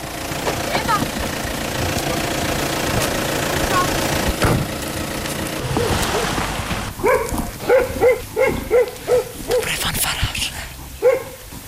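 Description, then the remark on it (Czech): A German car arrives and its engine idles with a low, steady rumble in a village centre beside a church, a school and the municipal office, then a dog starts barking in a quick series of about eight or nine sharp barks over the running motor. “Zřejmě všichni se sjíždějí, i když to je německé auto, tak ten asi na mši nejde.”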